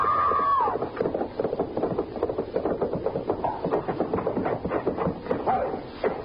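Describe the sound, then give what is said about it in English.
Horses gallop as riders race each other, with a rapid, jumbled drumming of hooves that keeps up throughout, briefly marked by a high, wavering cry at the start and a scuffling break near the end as a horse stumbles over a lower barn sewer. “You were racing. The horse stumbled over that lower barn sewer.”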